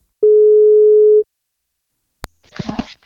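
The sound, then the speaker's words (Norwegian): A single steady telephone ringing tone sounds for about a second as a call is placed to a newborn baby's parent, followed by a sharp click of the line connecting and a brief burst of a woman's voice answering. “Vi skal prøve å ringe og se om vi får tak I en av foreldrene.”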